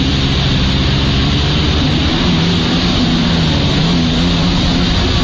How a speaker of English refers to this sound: as you can see, he's on one of these stand-up jet skis, and he kind of tries to maneuver himself so that he's doing this certain kind of trick here.